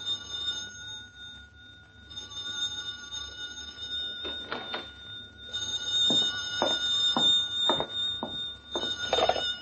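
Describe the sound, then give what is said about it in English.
An old-fashioned telephone bell rings loudly and insistently in a comfortable-looking home on a quiet side street in the suburban town of Crestview, its metallic jangle sustained with rapid rattling bursts that grow stronger toward the end; no one speaks. “On a quiet side street in the suburban town of Crestview, the occupant of a comfortable-looking home is startled by the sudden ringing of a telephone.”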